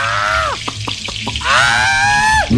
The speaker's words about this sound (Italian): Sardina Sartori, se l'acqua calda ti ha resuscitato, l'olio bollente ti metterà a tacere. Dio ladro, ora ti friggo.